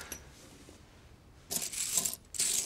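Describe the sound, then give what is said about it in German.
Old Renaissance-era metal coins clink and jingle as they're poured out in two bright bursts after a quiet start, a dense cascade of metallic chiming with no voices. “Das sind retinische Münzen aus der Renaissancezeit.”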